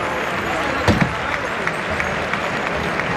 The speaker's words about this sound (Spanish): Hay ovación para Roca Rey.